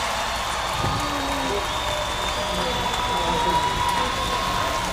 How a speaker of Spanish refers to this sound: ¡Un aplauso!